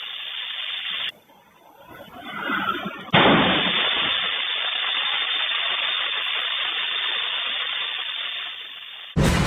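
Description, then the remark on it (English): A car explodes at a CNG gas pump in Vadodara, Gujarat, bursting in after a brief rumbling build, then giving way to a steady, roaring hiss that continues for several seconds, with no talking. “On the right side of the screens, you can see the aftermath of this explosion at the CNG pump.”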